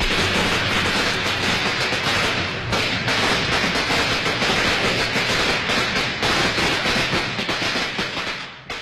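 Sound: string of firecrackers exploding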